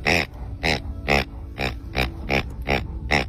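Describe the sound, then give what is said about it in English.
A pig-shaped, non-squeaking dog squeeze toy makes a repeated snuffly oinking sound, about eight short grunting snorts in a steady rhythm, fairly loud with no talking. “And let me tell you, that little snuffly oink has scared the bejeepers out of my little dog, Lucy.”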